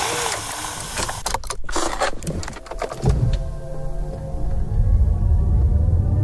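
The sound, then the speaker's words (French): Clattery jangling like keys and mechanical rattles for a few seconds, then a car engine starts up and settles into a steady low rumble, at the start of a 15-minute morning drive to Herstal. “C'est une voiture, voilà.”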